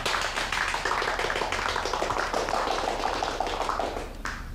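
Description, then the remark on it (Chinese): A group at a neighborhood committee meeting breaks into steady, loud applause welcoming a newly appointed committee director, many hands clapping at once in a dense patter that holds for several seconds before easing off slightly at the end. No one speaks. “大家鼓掌欢迎。”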